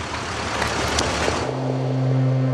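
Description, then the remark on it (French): A car engine rumbles, starting amid broad noisy clatter before settling into a steady, low idling hum for the second half; Blum's car is stuck in a jam of pedestrians attending the funeral of Jacques Bainville. No one speaks. “Et, fatalitas, sa voiture est prise dans un embouteillage de piétons.”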